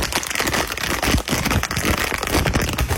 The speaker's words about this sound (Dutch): Het openen van de door mij gewonnen eyecatcher. Dat is mooi. Zit er zo'n bolletjes-envelop omheen? Hoor ik ja, natuurlijk, want het is een zonnebril.